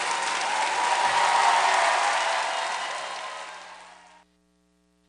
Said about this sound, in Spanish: firme, fuerte aplauso.